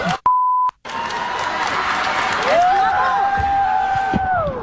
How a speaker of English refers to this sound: Okay, the kid's one thing. The cheering afterwards, that's where my mind is blown.